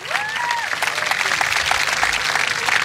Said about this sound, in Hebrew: אפשר למחוא לו כפיים.